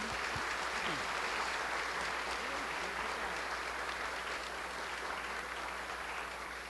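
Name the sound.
round of applause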